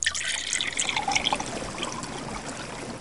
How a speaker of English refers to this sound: Beautiful, clear, shining, pure water, a fountain, sprang up from the earth.